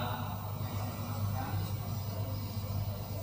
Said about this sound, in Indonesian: Sebentar. Mobil kijang.